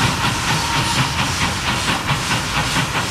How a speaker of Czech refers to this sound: Parní vlak nejprve vyrazil jako rychlík z Prahy do Chebu, odtud pak pokračoval jako osobní vlak číslo 3717 do příhraničního města Aš.